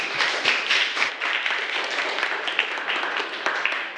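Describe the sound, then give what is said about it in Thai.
Steady applause from a group of school students for student group 3, many hands clapping in a dense, continuous patter that holds at an even level for the whole stretch, with no voices heard over it. “ขอเสียงปรบมือให้กลุ่มที่3ด้วยค่ะ”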